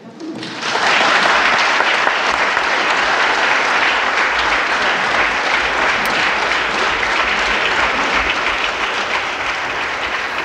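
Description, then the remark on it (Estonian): Sustained applause from the members of the Estonian parliament, the Riigikogu, for the newly elected President of the Republic, starting abruptly after a brief quiet moment and continuing steadily at full strength throughout, with many hands clapping at once. “Ja peaks olema siis niimoodi, et kõik Riigikogu liikmed kui varasemate kogemuste põhjal mastuvad siis rivvi ja kõigepealt aplodeerivad”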